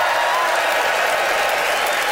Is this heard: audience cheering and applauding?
yes